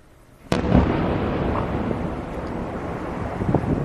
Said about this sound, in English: Explosions rocked Kyiv on Sunday after one of the largest Russian attacks of the war so far.